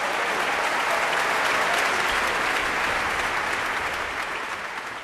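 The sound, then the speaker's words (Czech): Sustained applause from a large audience in the hall of Vienna's Musikverein after Ravel's Piano Concerto for the Left Hand, played by pianist Anna Winitzkaya and the Vienna Symphony under Petr Popelka. A dense, steady wash of many hands clapping at once, fairly loud throughout and tapering slightly toward the end, with no voices. “Potlesk publika v sále vídeňského Musikvereinu byl pro solistku výzvou k přídavku”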